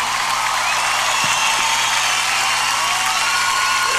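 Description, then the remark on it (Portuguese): An audience at a live music performance applauds steadily, a dense wash of many hands clapping at a constant level for the whole stretch, with no voices standing out above it. “Pode aplaudir, gente. Pode aplaudir por tudo.”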